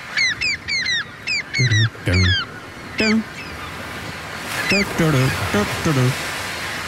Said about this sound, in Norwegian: både elsket og hatet på sommeren, måkene, og det en liten gjeng med måker som gjør så godt de kan med å nynne på en kjent låt